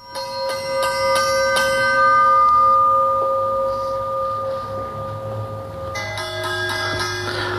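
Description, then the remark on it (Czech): A cracked bell is struck several times in quick succession, its tone ringing on in a long metallic decay, then a sound, working bell with a different, cleaner pitch rings out near the end. “Počujete rozdiel medzi puknutým zvonom, ktorý nedosahuje takú kvalitu a takú krásu, lahodnosť zvuku ako funkčný zvon.”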